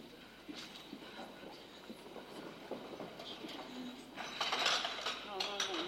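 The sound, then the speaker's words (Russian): Teacups clink and rattle together in a continuous, jittery clatter that grows louder and busier toward the end, with faint voices murmuring in the background. “Ну чего ты чашками гремишь, как железными, перебьешь?”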